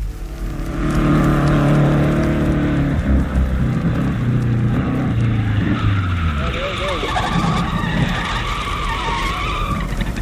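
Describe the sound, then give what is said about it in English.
A car engine drones loudly as a car carrying four men approaches a house, its pitch sliding downward, then tires screech and skid as it pulls up, with muffled voices underneath. “And the old man looked out the window and saw a strange car approaching the house with four evil-looking men sitting in it.”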